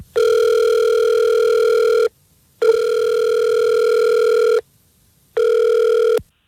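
A phone ringback tone on an outgoing call placed live on the Fred Show morning radio show: three steady, loud electronic tones of about two seconds each, separated by short silent gaps, with nothing else audible.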